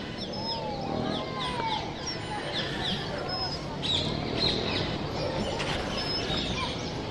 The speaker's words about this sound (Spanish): Otoño. Los pájaros van al norte. Oímos, abrazados, al amanecer la bandada.